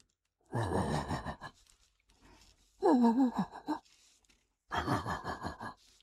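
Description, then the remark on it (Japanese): A man's voice imitates a large dog barking far off, as heard late at night in a residential neighborhood. It is three low, breathy woofs spaced slowly about a second apart, muffled and hollow as if carried from a distance. “これはね、深夜に住宅街で遠くから聞こえる、小型犬と大型犬っていうネタがあるんですけど、いいですか、やって、うん、 はい、 はい、じゃあちょっと BGM を消していただいてですね、いきます。”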